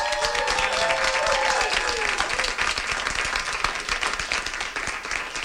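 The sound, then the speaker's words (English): A big audience applauds the performing group the North Side Players loudly, dense clapping filling the whole stretch, with a few cheers or whoops rising over it early on before the clapping continues steadily. “Do you want to shout out for them once again? A round of applause.”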